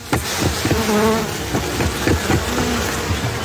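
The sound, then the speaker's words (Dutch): A dense, steady drone of many honeybees buzzing at a hive, with a few sharp knocks and clicks scattered through the humming. “Ik ga trouwens even kijken of de bijen je willen begroeten. Of ze wat lawaai willen maken.”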